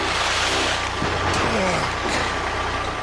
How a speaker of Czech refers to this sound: Och, nakładne auto.